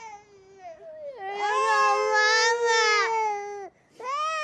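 Children wail loudly and close by in long, sustained cries that break off briefly near the end, then start up again just as strongly. No one speaks.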